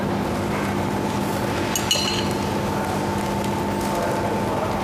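A single bright clink of glasses rings out briefly over a steady, noisy room hum, its short metallic shimmer fading quickly.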